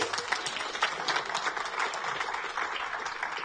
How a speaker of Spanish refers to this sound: ¡Aplauso para el Señor! Démosle a Él la gloria, el honor, el poder y la alabanza por siempre.